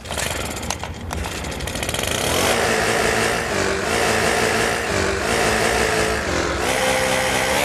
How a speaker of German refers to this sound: Eure S1 Morning Show ist hier mit großartigen Laubbläser-Hits, die es echt in sich haben.